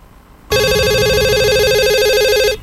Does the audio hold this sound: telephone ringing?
yes